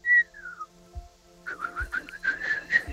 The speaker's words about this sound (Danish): Der må fløjtes.